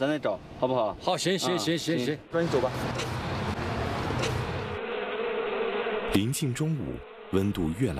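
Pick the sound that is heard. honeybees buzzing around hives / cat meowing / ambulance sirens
honeybees buzzing around hives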